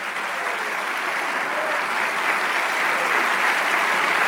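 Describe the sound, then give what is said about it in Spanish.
Steady audience applause, a dense wash of many hands clapping at a constant, fairly loud level throughout, swelling slightly toward the end with no voices standing out. “Si ese aplauso es para el que hace maravillas.”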